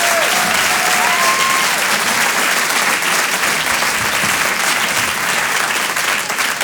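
Steady, dense audience applause fills the whole stretch, a loud wash of many hands clapping with no pauses, and a brief whistle-like tone rises near the start.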